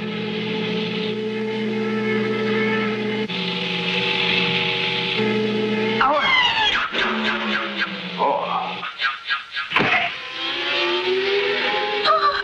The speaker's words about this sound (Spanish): Ah, el Mach 5 con Meteoro. Ahí va el auto de Gano.